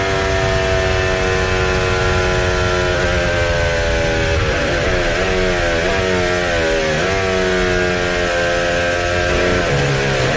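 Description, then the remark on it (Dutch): A loud racing car engine screams continuously, its pitch rising and dipping as the throttle is blipped and held, with a harsh buzzing edge and no voices; the engine seems to keep revving at strange revs. “Het lijkt alsof die motor door blijft jassen.”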